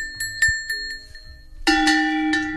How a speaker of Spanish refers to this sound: tenemos unos cencerritos, que son reproducciones de los cencerros que llevaría normalmente el ganado